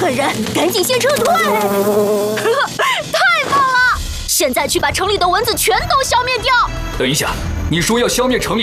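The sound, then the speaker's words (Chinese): Whiny, wavering buzzes of cartoon mosquitoes, made by high-pitched cartoonish voices imitating the insects as a mosquito-killing mission begins. They swoop up and down continuously for several seconds, loud, with brief pauses between phrases. “来吧，超级灭蚊任务开始吧！”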